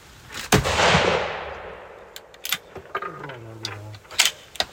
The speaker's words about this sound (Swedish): Kåper på. Sitter den bra på axeln, tycker du? Uppsatt. Då kommer skottet. Och så smek du av skottet. Du ska vara väldigt försiktig då du ska aldrig rycka. Du ska smeka den av det sakta. Skott kommer.